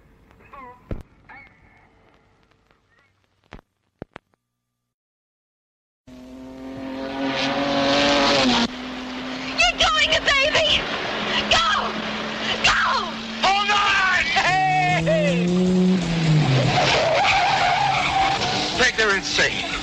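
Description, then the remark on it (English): A souped-up car roars loudly at high revs and its tires screech in long, wavering skids, following a few faint clicks and a brief silence. “A hopped up car.”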